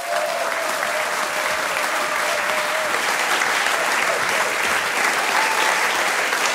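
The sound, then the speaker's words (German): Sustained audience applause welcoming comedian Anka Zink onto the stage, a dense, steady wash of many hands clapping at a constant loud level throughout, with a faint whistle-like tone near the start and no speech. “Bitte begrüßt mit einem fulminanten Applaus die wunderbare Anka Zink.”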